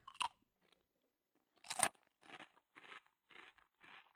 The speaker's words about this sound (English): Sit, I'll get something to crunch.